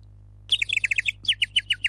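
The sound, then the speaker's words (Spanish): A small bird chirps in quick, bright repeated notes, two short bursts separated by a brief pause, clear against a faint low hum. “Si podés hacerme el pajarito,”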